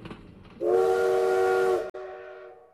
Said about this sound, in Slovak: Toto bol posledný vlak, ktorý pustili z Bratislavy.